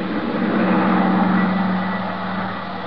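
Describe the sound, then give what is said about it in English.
A huge private twin-engine propeller plane, airborne a few minutes after takeoff, drones steadily in flight, its engines producing a loud, continuous hum with a low, throbbing tone and no voices. “took over as pilot of the huge private two-engine plane that was waiting for us. Within a few minutes, we were airborne and on our way.”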